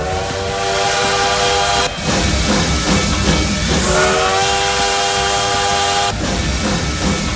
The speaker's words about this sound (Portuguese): Olha o trem bala aí, ó.